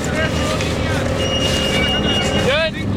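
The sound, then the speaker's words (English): A tractor engine drones steadily, a loud, rumbling motor noise that fills the whole stretch, with a rising whine near the end as it revs, helping roll long strips of cut sod almost 4 feet wide during a night-time grass harvest for the World Cup stadium in Seattle. “A tractor revs up to help roll them.”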